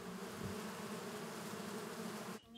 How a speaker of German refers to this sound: Seit 11 Jahren leben auch Bienenvölker auf dem Hof.